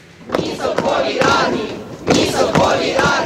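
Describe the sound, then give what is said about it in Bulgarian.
A large crowd of protesters in Kyiv, Ukraine, shouts slogans in unison against a Soviet-style army, on a second day of protests over the replacement of the defence minister; loud rhythmic chanted bursts rising and falling with brief dips between them, a dense mass of voices throughout. “С викове не на армията в съветски стил, жителите на Киев отново са на улицата.”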